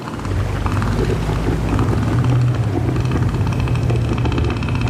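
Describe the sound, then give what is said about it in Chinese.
A male northern elephant seal, inflating its huge nose, bellows a deep, loud roar that throbs in rapid, rough pulses, holding steady for several seconds without a break, warning other males to keep away from its territory. No one speaks. “他们鼓起巨大的鼻子，发出低沉而响亮的吼声。”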